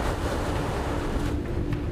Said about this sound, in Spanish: Hoy, con la marea bajando y el viento en contra, la situación es un poco más compleja de lo habitual. El mal tiempo y la tormenta llegaron antes de lo esperado.